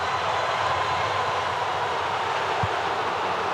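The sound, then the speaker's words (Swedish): Tens of thousands of Portuguese supporters roar in a Houston stadium at Portugal's 1-0 goal against Uzbekistan in a football match, a dense, sustained wall of noise, steady and loud for the whole stretch with no single voice standing out. “Hör på publiken.”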